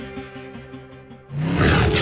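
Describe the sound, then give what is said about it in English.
A loud tiger roar sound effect for Tiger Automotive erupts suddenly after a brief stretch of quieter sustained tones, rumbling forcefully to the end with no one speaking. “Nobody beats the Tiger.”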